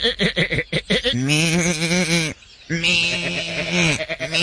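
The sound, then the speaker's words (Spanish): Sheep bleat loudly: a quick choppy burst, then two long, quavering bleats separated by a brief pause, ending with a few short broken calls. “Las ovejas cuchillaban en el chisme.”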